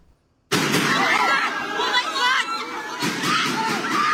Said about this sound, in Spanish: A tiros, así ha terminado el intento de detención del exjefe de la Policía Nacional de Filipinas. El ahora senador, Ronald Bato de la Rosa, lleva atrincherado en el Senado desde el lunes, cuando se conoció la orden de arresto internacional.